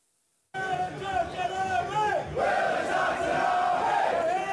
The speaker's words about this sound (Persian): حضور پرشمار هواداران اسکاتلندی در شهر بوستون برای تشویق تیم ملی این کشور در جام جهانی. گرمای تابستان و شور و شوق این هواداران تب فوتبال را در این شهر بالاتر برده